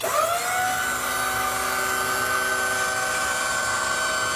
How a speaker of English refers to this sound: What is that? A drill or a something? No, it's a lift.